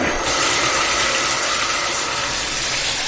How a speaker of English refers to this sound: Okay, that's beginning to fill up. Kind of what you expect from a bathtub. Yeah, it's filling up pretty nicely.